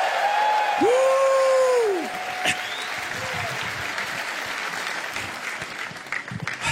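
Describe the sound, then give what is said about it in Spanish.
A crowd breaks into loud, sustained applause and shouts of triumph in the afternoon, with a long rising-and-falling shout and scattered whoops over the clapping in the first seconds, then steady cheering and clapping throughout. “Alguien péguele un grito de triunfo esta tarde.”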